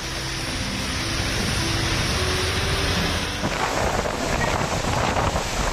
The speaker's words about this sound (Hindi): ये तस्वीर कोलकाता से आई है, जहां दिन में ही अंधेरा छा गया, जोरदार हवाएं चलने लगी और फिर बिजली कड़कने के साथ झमाझम बारिश देखने को मिली।